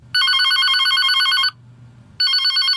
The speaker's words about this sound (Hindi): कहीं का फोन।